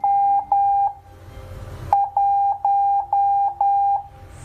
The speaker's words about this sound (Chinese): 现在我们可以把音量打开，调频率，听猫斯密码的声音，听。